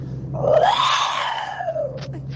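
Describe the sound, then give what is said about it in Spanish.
A caller imitates a tiger roar over the phone for the day of the tiger: one drawn-out, throaty roar that swells in pitch and fades over about two seconds, loud, carried over a humming phone line. “En el día del tigre, en el día del tigre se mandan sonidos de tigres, ¿me entendés?”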